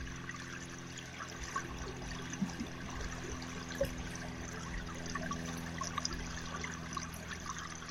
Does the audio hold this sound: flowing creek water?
yes